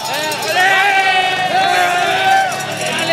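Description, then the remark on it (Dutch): A dense roaring crowd of spectators lining the Alpe d'Huez climb during the Tour de France as riders pass through, loud and sustained, with overlapping shouts and cheers rising and falling throughout. “Luister eens naar het volk hier op de flanken van die iconische Alpe d'Huez.”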